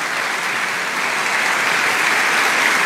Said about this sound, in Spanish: Dale un aplauso a Dios.